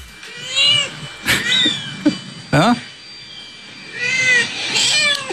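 A cat meows repeatedly and loudly, drawn-out wavering cries with short pauses between them, plus a couple of sharp thumps partway through.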